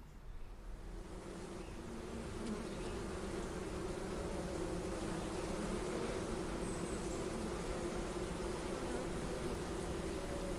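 A steady, dense buzzing of many bees in the Bewohnerservice garden in autumn, a continuous droning hum that holds at an even level throughout with no voices.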